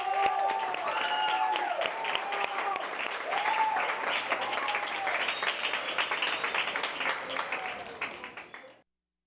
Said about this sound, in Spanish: Así que un aplauso para todos ustedes.